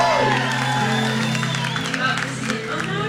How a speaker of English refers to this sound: Everybody, make a round of applause